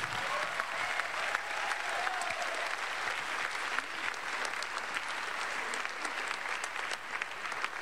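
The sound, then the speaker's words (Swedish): A crowd applauds steadily, many hands clapping in a dense, even patter that stays loud and constant from start to finish, with no voices rising above it. “Nu ger vi dem en stor applåd.”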